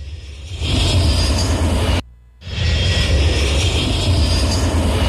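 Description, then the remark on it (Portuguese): A jet airplane roars overhead around Marinópolis, a loud, broad whooshing rumble that swells in after a moment and holds steady, broken by one abrupt half-second dropout midway. No one speaks. “Manda o Jatinho dar uma volta aqui por Marinópolis, hein”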